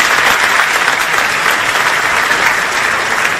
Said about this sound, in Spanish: Hasta aquí el vídeo, más aplausos.